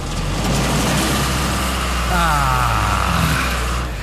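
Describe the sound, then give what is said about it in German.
A tractor engine rattles and rumbles loudly for the whole stretch, its steady chugging briefly rising in pitch midway as it revs before settling back. “am Wochenende darf wieder geknattert und gestunken werden.”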